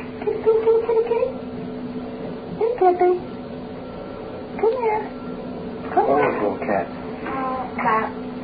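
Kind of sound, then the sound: animal, kitten meowing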